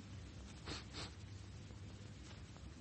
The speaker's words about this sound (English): Well, that seems to be all. Just a sniff at his lips.